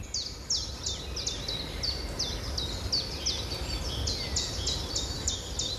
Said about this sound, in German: Sehen Sie die kleinen Knospen der Blätter oder der Blüten? Und wenn Sie das Fenster öffnen, dann hören Sie sicher auch die Stimmen der Vögel. Denn der Frühling lässt sich nicht aufhalten. Der Frühling ist wirklich da.